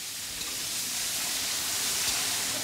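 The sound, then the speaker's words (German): Steady, dense sizzling of meat being seared in plenty of hot oil in a kazan, a traditional cauldron, a continuous bright hiss at even loudness with no voices. “Das Fleisch brät Malika Sultanovna in reichlich Öl scharf an.”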